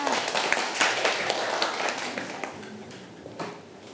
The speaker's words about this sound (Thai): เก่งมากค่ะเด็กๆปรบมือให้เพื่อนค่ะ